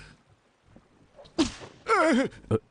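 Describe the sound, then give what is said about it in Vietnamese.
Two sharp whip cracks land on someone, and between them a person lets out a loud, wavering cry of pain over faint background murmur. “Một roi này vì ngươi bán đứng chúng bang, phản bội bang chủ.”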